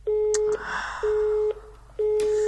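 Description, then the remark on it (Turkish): A telephone line tone pulses in three steady, evenly spaced beeps as a call goes unanswered, each about half a second long with equal gaps, heard clearly over faint background hiss and a couple of soft clicks. “Allah aşkına telefonunu bir kez al ya.”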